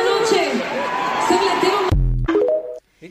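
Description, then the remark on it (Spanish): An audience in Argentina boos, sustained, low jeering voices blending into a dense wall of noise, then it cuts off abruptly into a few loud, low tonal bursts before fading. “El público la abuchó en Argentina.”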